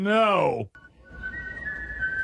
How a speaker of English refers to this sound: The national anthem was whistled before the start of the game